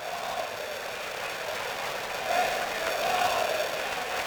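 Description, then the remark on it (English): A large baseball stadium crowd chants "Thank you, Ollie" in unison, heard up in the broadcast booth, a steady wash of many voices that swells louder partway through, with a few voices rising above the roar. “Thank you, Ollie, cheer.”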